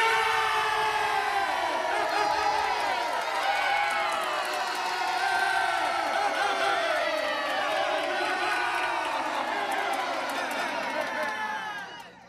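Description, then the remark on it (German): A large crowd cheers and shouts steadily for about twelve seconds, many overlapping voices rising and falling in wavering pitch, loud throughout before fading out at the end. “Er vertrieb die Feinde aus dem Land und das Volk jubelte.”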